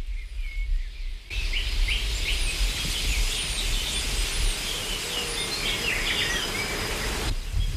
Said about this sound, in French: Un bourdonnement après l'autre. Ce qui était silencieusement tapi dans un tissu de bruit devient une délicieuse ritournelle.